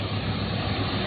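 A combine harvester's engine roars steadily back to life after a repair, during the wheat harvest near Xin'anji town, Shenqiu, Zhoukou, Henan: a loud, continuous low mechanical drone with a rumbling hum and no pauses or voices.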